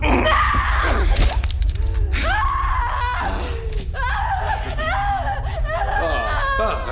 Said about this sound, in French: Arrête de crier, arrête, t'en mourras pas.